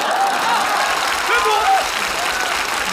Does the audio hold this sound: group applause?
yes